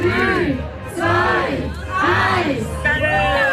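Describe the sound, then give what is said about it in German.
A crowd of over 100 invited guests at the Kunsteisbahn Wetziken roars and cheers in loud, rising waves after a countdown as the Zürich-Oberland-Messe 2026 is officially opened at 2 in the afternoon, many voices shouting together in swelling bursts of sustained jubilant noise. “Und mit diesem Jubel ist die Zürich-Oberland-Messe 2026 am 2 am Nachmittag offiziell eröffnet.”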